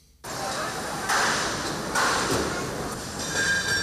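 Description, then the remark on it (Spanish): Festival marquee tents (txosna tents) being put up on the festival grounds in Bilbao, Spain, for the Semana Grande fiestas: a steady, loud mechanical din with high metallic whines and a few sharp clanks and scrapes about once a second. “Eso que escuchan es el montaje de las carpas de las chosnas.”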